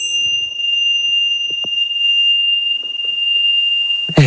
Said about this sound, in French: Oui, la petite cloche, les vibrations qui vont bien avec Caroline